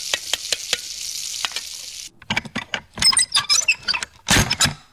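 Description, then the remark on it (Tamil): Steady sizzling of food frying in a kitchen, broken by sharp pops, gives way to rapid bursts of clattering and scraping as utensils stir the pan during cooking. No one speaks. “எனக்கு அடுப்படியில இன்னும் கொஞ்சம் வேலை இருக்கு.”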